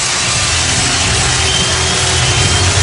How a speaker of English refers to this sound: Line drive single. Henderson scores, and you are going to hear a huge ovation, 34,000 plus on their feet here at Comerica Park.